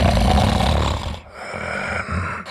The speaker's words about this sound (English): Sound familiar? Don't ignore the snore. Snoring and constant tiredness could be a sign of sleep apnea.